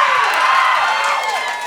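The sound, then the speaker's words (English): An audience claps and cheers loudly for a couple of seconds, a dense wash of applause with scattered whoops and shouts rising over it, steady throughout. “Thank you so much for applauding my loneliness.”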